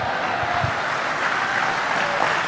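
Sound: audience clapping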